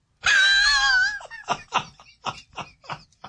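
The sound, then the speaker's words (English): A novelty alarm clock alarm goes off: a loud, wavering wail for about a second, then a string of quick, rhythmic laugh-like bursts that taper off. “A texter writes, cripes, stop playing that damn noise. It is annoying.”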